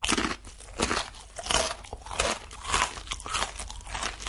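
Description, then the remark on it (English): Loud crunching as someone bites and chews a hard, dry ramen noodle block sprinkled with seasoning powder, with repeated brittle cracking bursts in an irregular chewing rhythm and no talking. “You know, once I sprinkle this powder over the top of it, it's like a big block of crunchy deliciousness.”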